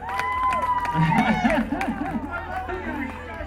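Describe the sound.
A lively crowd cheers and whoops loudly, many voices overlapping in an excited roar with scattered clapping, holding steady before easing slightly toward the end.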